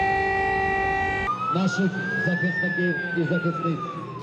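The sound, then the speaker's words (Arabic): An air raid siren in Kyiv, Ukraine, holds a steady tone, then wails in a slow rise and fall, loud and sustained, while a voice speaks over it. “مجددا تدوي صفارات الإنذار في كييف وفي مدن أوكرانية أخرى عديدة.”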